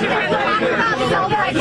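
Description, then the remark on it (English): Several reporters shout questions at the president over one another at once, forming a loud, dense tangle of overlapping speech with no single voice standing out, steady throughout the short burst. “You all screech at the same time.”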